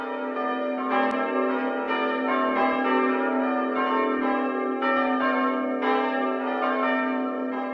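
Two bells a semitone apart are struck repeatedly over several seconds, their rich, clashing overtones ringing together in a continuous, shimmering wash with no speech.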